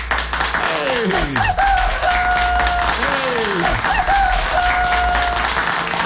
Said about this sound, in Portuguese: Ah, os aplausos, os aplausos, os aplausos, bem aplaudido.